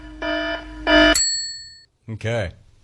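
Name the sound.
alarm going off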